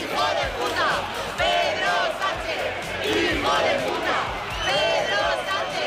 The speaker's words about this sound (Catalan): Un 2 d'octubre que va ser crispat a Madrid amb aquests crits contra Pedro Sánchez